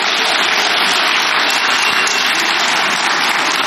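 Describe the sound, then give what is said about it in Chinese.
Sustained audience applause, a dense, steady wash of many hands clapping at an even loudness for several seconds, with no voices rising above it. “哎，谢谢您的掌声，这个节目啊，换我给您表演。”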